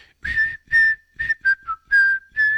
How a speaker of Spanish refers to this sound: Amoch dice, a mí sí me gustó, pero te faltó un chiflidito como el de ella para presentarlo.